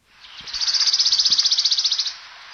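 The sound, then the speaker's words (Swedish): A wood warbler's fast, shimmering trill, a rapid run of high, even notes that swells and holds for about a second and a half before stopping. It sounds clear. “Grönsångare var det? Ja, ja, var bra.”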